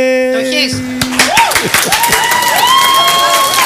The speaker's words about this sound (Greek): Ήταν κάπου συγκεκριμένα αυτά τα παιδιά που χειροκροτούν.